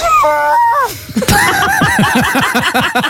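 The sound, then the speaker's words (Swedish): A drawn-out, wavering vocal buildup breaks into a sudden, sharp sneeze during an interview, followed right away by rapid bursts of laughter. “som under en intervju får en plötslig nysning.”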